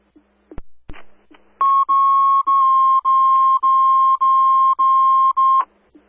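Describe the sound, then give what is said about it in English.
A few clicks, then fire station dispatch alert tones for station coverage: a loud, steady mid-pitched electronic tone pulsing in about eight even, rapid bursts for roughly four seconds, with no voices. “Would you like the tones, please, for station coverage?”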